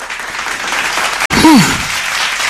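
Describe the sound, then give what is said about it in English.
A crowd claps steadily in a dense, continuous wash of applause, with a brief cut midway and a short whooping cheer rising above it just after. “A round of applause.”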